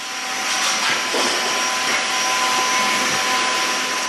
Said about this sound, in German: 700 Kilometer von Lemberg entfernt in der Hauptstadt Kiew surren die 3D-Drucker der Firma Imatec. 24 Stunden am Tag, 7 Tage pro Woche. Diese hier stellen keine Drohnenbauteile her, sondern Titanimplantate für die Gesichtschirurgie.